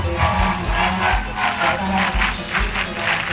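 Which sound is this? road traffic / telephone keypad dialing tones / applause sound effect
applause sound effect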